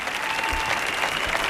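A live audience of the radio show Calambre applauds a singer about to perform, dense overlapping claps forming a loud, even wash of sound with no pauses for the whole moment.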